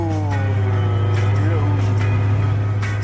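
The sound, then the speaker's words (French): The 2-litre six-cylinder engine of a 1960s GT6 sports car cruising at a steady drone with a strong low hum. Its tone gradually drops in pitch as the revs fall and it settles into cruising rhythm. Faint voices talk underneath. “Tu remarques comme le moteur baisse d'un ton?”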